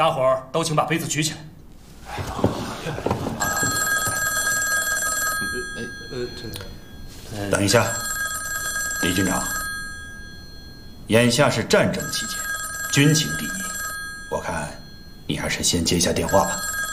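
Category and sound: signal or alarm, telephone bell ringing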